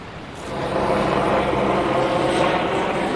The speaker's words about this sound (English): Helicopters pass every few minutes, moving personnel, supplies, in some cases bodies.